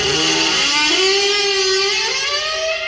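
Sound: car engine revving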